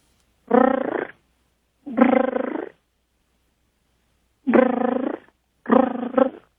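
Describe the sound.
A person imitates a mother cat calling out to her new baby kittens, making four drawn-out, throaty meow-like cries with pauses between them, fairly loud with no other sounds around.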